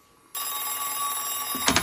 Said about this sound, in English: First you are here, and now the telephone is ringing without cessation.